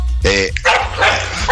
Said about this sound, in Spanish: Pégamele un perro. Mándelos para afuera. Que hay unos perros y aquí los estamos corriendo.